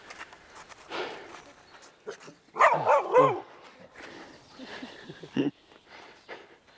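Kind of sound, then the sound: animal, dog approaching and barking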